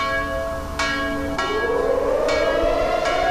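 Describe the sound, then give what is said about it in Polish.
A large, deep commemorative bell tolls about four times at a slow, uneven pace, its rich overtones ringing on between strikes while an air-raid alarm siren slowly rises underneath, sounded at 5 p.m. as the culmination of an annual commemoration. “Kulminacją obchodów była oczywiście 17 i godzina W, gdy niebo przeszył dźwięk syren alarmowych i symbolicznie rozbrzmiał dzwon Monter.”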